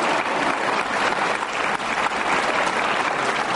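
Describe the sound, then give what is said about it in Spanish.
Young people of the Jesus Army applauding each other steadily, a dense, continuous wash of many hands clapping at a fairly loud, even level throughout, with no voices standing out. “Si ve cómo se aplauden entre ellos, ¿no?”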